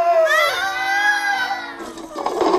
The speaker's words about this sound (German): Doch immer wieder rutschen beide auf der Eisfläche von unserem Stadion gegen die Bande. Das Publikum schreit vor Schreck.